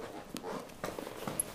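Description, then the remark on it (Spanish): A horse and cart being readied to begin the day's work: a few irregular hollow clops and knocks at moderate loudness over a steady outdoor hiss, with a brief high chirp near the end. “prepara su carro y caballo para comenzar su labor.”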